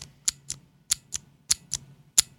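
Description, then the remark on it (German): Crisp, clicky Cherry MX Blue mechanical keyboard switches being pressed, sounding on actuation but not on release, about seven sharp high clicks in loose pairs, fairly loud against a faint low hum, with no one talking. “das kennen die meisten Leute, das sind die klassischen MX Blue von Cherry zum Beispiel.”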